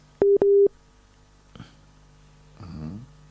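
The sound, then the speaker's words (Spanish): Two short, loud, steady telephone busy-tone beeps sound back to back after a call to a mobile phone with poor signal drops, then a soft click and a faint, muffled murmur on an otherwise quiet line. “A ver, no, lo seguimos perdiendo. No sé si vamos a poder establecer con celular, no sé, no tiene buena señal.”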